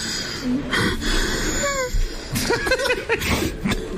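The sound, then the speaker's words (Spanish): A man crying in strained, choppy bursts of high, wavering whimpers and gasping breaths, fairly loud throughout, at moments sounding almost like wheezy laughter. “Y el man luego coge, escuche pues. Y es que le manda caritas de diablo y todo. Está llorando. Oígalo.”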